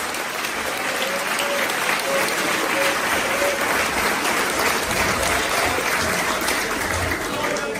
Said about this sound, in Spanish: A ese aplauso a Él. Oh, aleluya.